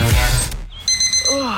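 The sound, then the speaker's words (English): A deep, booming rumble fades out, then an alarm clock starts ringing: rapid, shrill electronic beeps in quick bursts, loud, continuing to the end. “Why did you set the alarm so early?”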